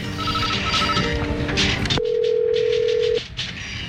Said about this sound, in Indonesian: Telepon.